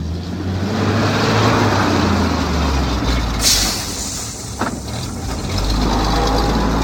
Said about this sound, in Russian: Долго выруливал в узкие ворота, сотрясая теплый застоявшийся воздух гулом зиловского мотора.